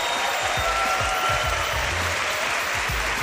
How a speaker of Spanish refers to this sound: Hola a todos, bienvenidos a Punto de Fuga desde este Teatro de la Latina de Madrid con un maravilloso público que quiero que se le escuche desde casa. Por favor, un fuerte aplauso para que les escuchen desde casa.